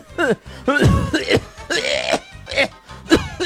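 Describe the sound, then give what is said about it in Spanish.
A voice imitates a woman's harsh, raspy cough, several loud hacking bursts in quick succession with brief pauses, with no talking over them. “Una señora en el médico, pobrecita, ella con una tos así.”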